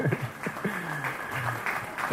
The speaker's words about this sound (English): Thank you, Karen, for round of applause.